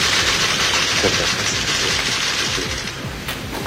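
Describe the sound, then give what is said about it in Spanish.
A crowd applauds steadily for Francisco Riveros after he swears to serve as minister of state before President José Antonio Kast at a swearing-in ceremony, a dense, continuous crackle of many hands clapping at once that holds strong throughout and eases off slightly at the very end. “Hay un aplauso cerrado hacia la figura de Francisco Riveros, quien vuelve entonces a tomar asiento en la primera fila”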